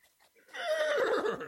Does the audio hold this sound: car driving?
no